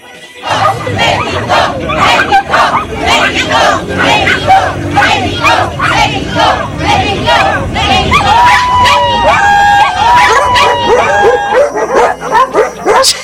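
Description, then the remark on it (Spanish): A pack of chihuahuas barks rapidly and continuously in high, yappy bursts, loud, with their owners and a noisy crowd shouting alongside them in front of the English consulate before a Mexico versus England match, and a sustained whistle-like tone rising near the end. “Bueno, eran unos perritos chihuahua ladrándole al consulado inglés.”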